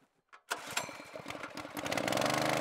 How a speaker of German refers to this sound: Ich habe jetzt die Motorpumpe aufgebaut, um halt in den Allerdüker dann Wasser zu pumpen vom Kanal mit hohem Sauerstoffgehalt, sodass wir dann die Entengrütze nach hinten spülen, dass wir es gezielter abfischen können und gleichzeitig frisches Wasser